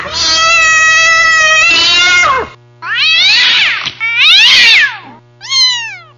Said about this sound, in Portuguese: Olha a gata! Olha a gata!